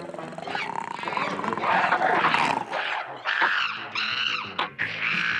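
Deep, rough growls and snarls from several giant red ape-men, the beasts of Mongo covered in red fur, rumble loud without pause as they emerge in the darkness when iron gates rise, rising into harsh roaring bursts near the end. No one speaks.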